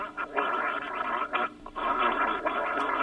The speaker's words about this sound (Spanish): No hable, haga, siga haciendo gárgaras. Eso empieza a salir un espumero porque está cortando la infección. Eso, siga tranquilo. No se la trague, siga haciendo gárgaras. Siga haciendo gárgaras, es un minuto.